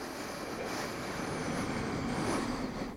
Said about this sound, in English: And my invitation is for us to take a collective breath all together, in through the nose, in 3, 2, 1, in through the nose.